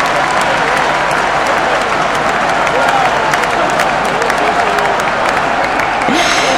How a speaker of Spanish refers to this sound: Escuchá, escuchá los aplausos de todo el mundo. Ovación, aplausos, bubucela.